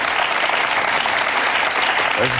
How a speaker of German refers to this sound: Das hat einen Applaus noch mal verdient, würde ich sagen.